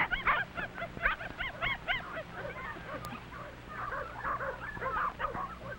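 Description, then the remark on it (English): Mac, a mother dog, barks and yelps in quick, excited bursts to warn her pups as a big dog springs, mixed with high whimpering and squealing cries, continuous over a steady low hum. “Mother Mac is frightened and warns her pups. The big dog springs.”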